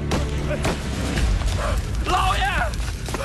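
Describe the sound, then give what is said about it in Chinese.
A couple of sharp gunshots crack out early over a heavy, rumbling din, followed by shouting voices rising and falling amid the commotion, during fighting at the east entrance of a village. “哪来的枪声啊？”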